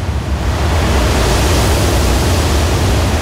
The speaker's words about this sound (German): stehe ich nun vor diesem Wasserfall, den die Guides mitunter scherzhaft auch als Niagara-Fälle der Türkei bezeichnen.